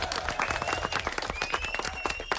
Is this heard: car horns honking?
no